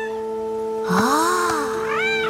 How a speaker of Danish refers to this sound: Ja, der er nogen, der miaver. Der miaver?